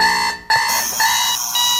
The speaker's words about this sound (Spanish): Habrá gente que todavía se despierte con el bip-bip-bip